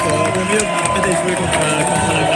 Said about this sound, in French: Voilà, vous l'entendez autour de moi, ça crie, ça chante, au fait de bien sûr la victoire de l'Espagne. Avec des drapeaux espagnols, on est à 2-0 ici, tout va bien. Voilà, une belle soirée en perspective encore ici à Toulouse